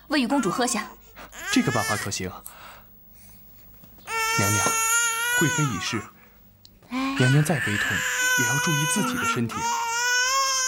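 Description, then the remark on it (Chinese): An infant cries in two long, sustained wailing stretches, thin and high-pitched, after a voice speaks briefly at the start; the crying is steady rather than frantic. The infant is a sick baby princess who will not take her medicine, and her crying is weak and low. “公主不喝药，这病怎么会好起来？你看，连哭声都这么低。”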